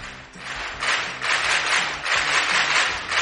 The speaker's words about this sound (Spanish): ¿No hay aplausos? Sí, hay aplausos, claro que sí.